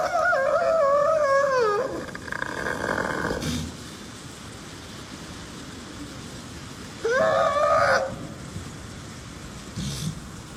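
A seal recorded in Antarctica calls twice: a loud, wavering, reedy two-second cry, then a quieter hissing stretch, then a shorter rising whoop, with a faint low murmur underneath throughout.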